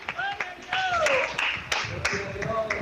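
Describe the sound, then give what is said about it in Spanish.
A crowd claps in a dense, continuous wash of applause, with a few sharp, louder claps standing out and voices calling and cheering over it throughout. “Denle fuerte ese aplauso, Señor.”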